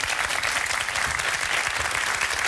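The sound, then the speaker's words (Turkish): Steady applause from a studio audience, requested by the host at the start of the show's fourth season, a dense, continuous patter of many hands clapping at a fairly loud, even level throughout, with no voices rising above it. “Ara verdik ya, alkışı özlemişim yani.”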